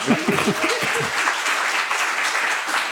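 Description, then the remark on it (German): A crowd applauds steadily after a presentation of a text, a dense wash of many hands clapping at an even, fairly loud level, with a few brief low voice fragments at the start. “Ja, gerne Applaus.”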